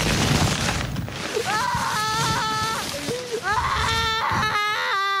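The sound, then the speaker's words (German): A small child cries and screams in loud, wavering high-pitched wails, with bursts of sobbing between them, over a noisy, sloshing background. “Kleinkind ist die richtige Richtung. Ja. Es ist im Laubhaufen verschwunden.”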